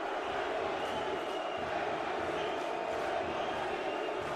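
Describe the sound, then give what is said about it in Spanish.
A large stadium crowd chants "New York City" in unison in answer to shouts of "NYC", a steady, loud wall of many voices that swells in rhythmic waves without a break. “Y el público respondiéndole a los gritos de NYC a New York City.”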